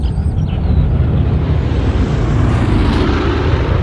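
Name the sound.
airplane flying overhead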